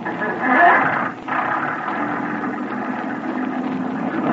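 A motorboat engine is started on command at night in poor visibility and roars into life, a loud, steady droning rumble that briefly drops out before settling into a continuous even throb. No one speaks.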